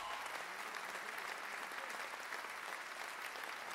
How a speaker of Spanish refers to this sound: Un aplauso para la maestrísima Iraida Noriega. Es un honor.